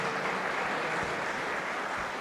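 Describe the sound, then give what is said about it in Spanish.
An audience applauds God, called the King, before the service begins, in a steady, dense wash of clapping that stays fairly loud and even throughout, with no voices standing out. “Le damos un fuerte aplauso al Rey antes de comenzar.”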